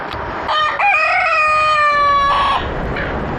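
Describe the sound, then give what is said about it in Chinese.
A silkie rooster raised by villagers in Taihe gives one loud, drawn-out crow lasting about two seconds, a bright, strained, buzzy call that holds steady and then cuts off, leaving faint background noise. “几近消失的乌鸡，在村民们的精心呵护下，又回到了泰和的山林间。”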